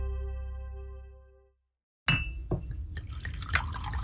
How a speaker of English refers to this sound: The sound of whiskey pouring into a glass. It's the best sound in the world.